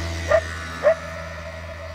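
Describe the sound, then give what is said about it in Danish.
Two short barks from a dog in Italy at sunrise over the Mediterranean, spaced about half a second apart, over a steady low hum of outdoor background noise. “Og så er der jo altså solopgang over Middelhavet, og så kan jeg høre hunde og vespær.”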